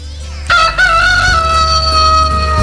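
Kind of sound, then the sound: bird, rooster crowing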